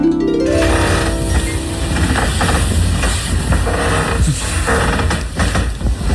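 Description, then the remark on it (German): A bed creaks: a drawn-out, groaning creak at the start, then several shorter strained creaks over a steady, loud, low rumbling hum. No one speaks. “Nein, es war ein Bett.”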